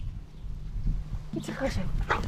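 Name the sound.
dog barking and whimpering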